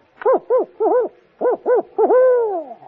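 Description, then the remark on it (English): A person imitates an owl's contented hooting, as an owl in good humor: a quick run of short, bouncy hoots in pairs, ending with one longer, drawn-out hoot that trails off. Clear and fairly loud, with no talking. “Well, when an owl is in good humor, he goes like this.”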